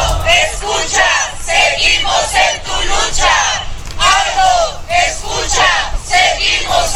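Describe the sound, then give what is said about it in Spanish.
A crowd of family members and friends protesting outside the 11 Sur penitentiary, demanding justice for the murder of Aldo Padilla Cid, shouts in unison, loud overlapping voices rising and falling in repeated bursts of chanting for several seconds with no pause. “Ahí el grito de familiares, amigos, en fin.”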